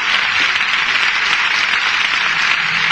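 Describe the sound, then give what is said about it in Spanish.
Sustained applause from a crowd, a dense, steady wash of many hands clapping at once, loud and even throughout with no pauses or voices standing out. “Aplauso, aplauso.”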